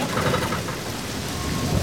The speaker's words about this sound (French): Le ciel est noir. La pluie continue de tomber.